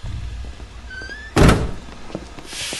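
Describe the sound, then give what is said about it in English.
A train compartment door shuts with a single solid thunk as a person stalks out of the car on a train going back to London, against a steady background rumble, followed by a faint rattle and a soft rushing hiss as the carriage settles. “stalks out of the car, shutting the door behind him.”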